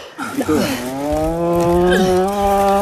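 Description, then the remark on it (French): A cow in a difficult calving lets out a long, loud, drawn-out moan of distress, deep and strained, lasting a few seconds, while people pull on a leg to deliver the calf. “J'aime pas tes bruits, ma belle.”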